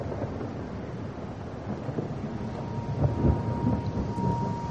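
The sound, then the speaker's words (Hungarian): Low thunder rumbles steadily through a dense wash of rain, swelling a little louder near the end, with no voices present. “Mennydörgés háza. Csöpög a szemöldökömről a szemhéjamra az esővíz.”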